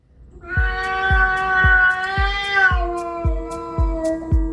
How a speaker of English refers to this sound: I'm …, and that yowling sound is my cat, Ollie. He's just spotted his number one enemy,